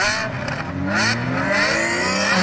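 A car engine revs loudly and continuously, its pitch climbing in rising sweeps with bursts of throaty roar, no voices present. It is a show-off driver ('Autoposer') in Bremen's Überseestadt district.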